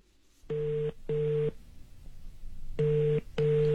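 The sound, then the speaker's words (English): A phone call ringing out over a loudspeaker: two pairs of steady electronic double-rings, each pair separated by a short pause, fairly loud and with no one talking. “Okay, I got it on loudspeaker.”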